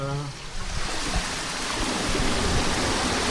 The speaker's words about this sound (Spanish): Vale, y aquí es donde se abre un poco el paso, ¿no? El paso, sí, de las compuertas, para que el agua circule, pase. Vale, ¿me puedes abrir un poquito a ver? Sí.